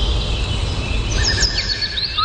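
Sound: birds chirping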